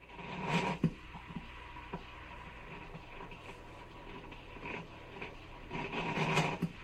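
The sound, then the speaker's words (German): A shiny chrome-clad coffee machine making milk coffee rattles and churns with a steady mechanical whir, broken by sharp clicks and bursts of gurgling, bubbling noise that swell louder toward the end. No one speaks. “während ich dem faszinierenden Schauspiel zusah, bei dem es knatterte, zugleich brodelte und am Ende mein geliebter Heißtrunk in der Tasse landete”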